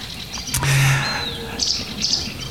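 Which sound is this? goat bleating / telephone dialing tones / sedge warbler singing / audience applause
sedge warbler singing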